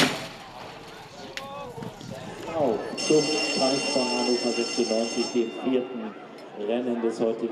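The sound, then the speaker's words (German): A loud, continuous starting-gate bell rings for a few seconds at a horse race as the starter presses a button and the stall doors open automatically with a clang, with an excited commentator's voice and crowd noise running underneath throughout. “Ein gefährlicher Job, denn sobald wirklich alle Teilnehmer an ihrem Platz sind, drückt der Starter einen Knopf und die Türen öffnen automatisch.”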